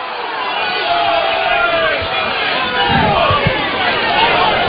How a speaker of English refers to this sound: There's not too much coming from the dugout. It's more coming from the crowd.